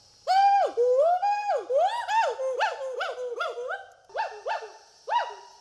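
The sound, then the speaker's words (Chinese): A 12-year-old northern white-cheeked gibbon named Lao Ding calls in a run of loud, rising-and-falling whoops, starting with long swooping notes and breaking into quicker, shorter upward squeals with a few brief pauses, calling to drive the rival gibbon Shanshan away from its territory. “他要先吼叫，哎，他一直要叫个不停。他这样是首先是为了驱赶珊珊。”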